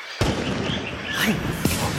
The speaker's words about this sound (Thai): ผู้ใหญ่ผู้ใหญ่สงสัยมีคนเข้าไปล่าสัตว์ฉันได้ยินเสียงปืนหลายนัดแล้วอะ